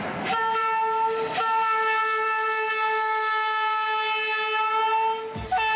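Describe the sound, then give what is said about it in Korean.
A slow local passenger train, departing Kars, Turkey, to cross eastern Anatolia, sounds one long, steady horn blast for several seconds over the rumble of cars on the rails, with a few sharp clanks near the start and end. “버스보다도 오래 걸리는 완행기차. 저도 한번 타보기로 했습니다.”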